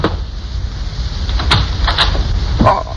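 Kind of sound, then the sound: household object, pounding on a door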